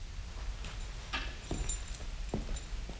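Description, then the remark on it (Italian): A few soft metallic clinks as the keys to a study are handed over, jingling briefly, quiet and scattered over a low steady background hum, with no one speaking. “Le chiavi dello studio.”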